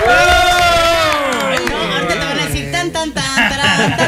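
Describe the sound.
A small group of studio guests from Chiapas shout and cheer together loudly, many voices overlapping in a continuous, excited roar that lasts a few seconds.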